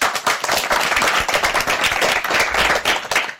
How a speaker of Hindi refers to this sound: तो हो जाए तालियां।